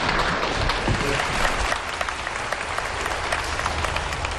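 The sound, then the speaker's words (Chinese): An audience at a xiangsheng (Chinese crosstalk comedy) show applauds young performers with dense, continuous clapping that stays loud and even for the whole stretch, a steady wash of many hands with no voices standing out. “谢谢，谢谢大家的掌声。”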